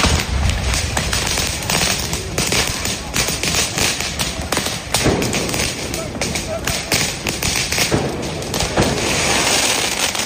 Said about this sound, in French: Un premier tir de mortier, puis un autre et encore un autre. Des éclats de verre, des voitures brûlées. L'orage a donc éclaté. La nuit est déchirée, la rue devient un champ de bataille.